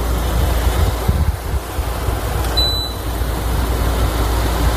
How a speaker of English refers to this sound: This is the air conditioner in my bedroom. Now, I have a mini split system, so I can keep it quiet if I want to, but this is like an old school window air conditioner, and I love it because it just drowns out everything else.